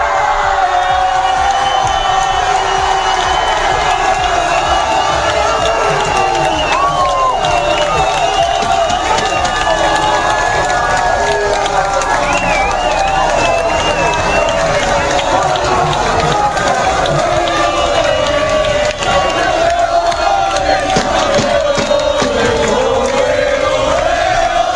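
A packed crowd of football fans roars and cheers continuously in a bar in Seville, Spain, as the Spanish national team lifts the World Cup, a dense wall of shouting, whooping and chanting voices with no pauses, loud throughout.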